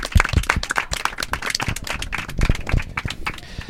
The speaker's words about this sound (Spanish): Bueno, pues yo he llegado a este punto también, antes de despedir el programa y despedir al equipo, me gustaría también un aplauso, autoaplauso, porque os lo merecéis.